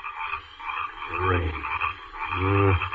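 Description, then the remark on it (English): Frogs brought out by the rain croak in a steady chorus, with two louder, deep croaks standing out over a continuous trilling background of other frogs. “These eternal frogs will drive me mad. It's the rain that brings them out.”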